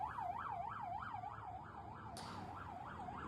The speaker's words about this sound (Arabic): صفارات الإنذار فعلت في تسور يتسحاق داخل الخط الأخضر خوفا من تسلل مسلحين. إذن إلى ما يشي هذا الأمر فاطمة، وأن يتم تفعيل صفارات الإنذار؟